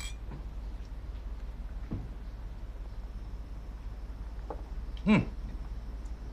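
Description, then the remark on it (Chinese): Glasses clink together once in a bright, ringing toast between a son-in-law and his father-in-law drinking aged Chinese wine (lao jiu) at a family meal, preceded by a couple of softer taps, all set against a low, steady background hum with no talking. “岳父，我敬您。 干杯，干杯， 来来来。”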